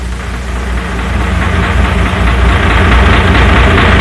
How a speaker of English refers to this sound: Everything is quiet on my side of the deck. Most all passengers are asleep. I think the throb of the diesel engine is lulling them to sleep.